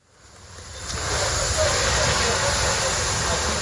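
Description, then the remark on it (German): A loud, steady hiss of steam and spraying water as firefighters douse the last blazing flames at dawn on a charred site in a commercial area in southern Kyiv, Ukraine, swelling up over the first second and then holding constant. “Seine Kollegen löschen letzte lodernde Flammen.”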